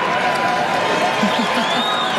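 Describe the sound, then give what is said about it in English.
A large crowd at the 2026 NHL draft roars and applauds steadily as the San Jose Sharks' pick is introduced, a dense wash of cheering and clapping with no pauses, a few louder shouts standing out briefly. “Good crowd, really good crowd.”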